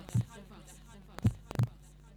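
Heartbeat sound effect: a few soft, deep thumps, one alone and then a closer pair, over a faint steady hum with no one talking.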